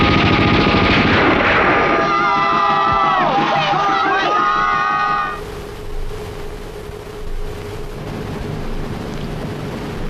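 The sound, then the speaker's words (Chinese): Rapid bursts of gunfire crackle beneath loud, chaotic shouting from a crowd crying that the Japanese soldiers are stealing a mine and calling to open fire, then the yelling cuts off, leaving a steady noisy rumble with scattered pops. “鬼子偷雷喽！快来人呐！放枪！”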